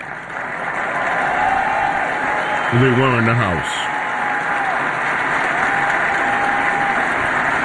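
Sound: crowd applause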